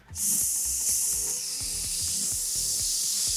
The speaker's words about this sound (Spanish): El globo, desinflándose.